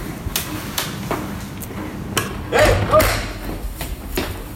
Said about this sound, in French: Je crois qu'il s'est réveillé. Juste quand j'ai claqué la porte.